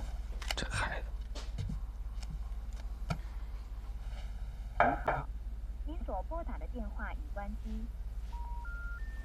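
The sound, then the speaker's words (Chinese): Someone dials a phone number: scattered taps and clicks, then a short run of steady, rising electronic keypad tones near the end, with faint murmured voices in between. “别着急，我给他打一电话。”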